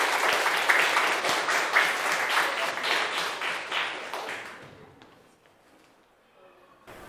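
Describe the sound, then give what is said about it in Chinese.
A class bursts into steady applause to welcome a student group presenting as meat-and-vegetable stall owners onto the stage, a dense crackle of many hands clapping at once that holds loud for about four seconds, then thins out and dies away to near silence. “好，大家掌声欢迎。”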